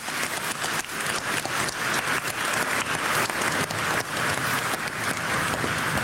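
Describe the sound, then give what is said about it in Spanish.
An audience at a Pentecost Sunday Mass applauds the Holy Spirit steadily for about six seconds, a dense, even patter of many hands clapping at once with no voices over it. “Un aplauso al Espíritu Santo.”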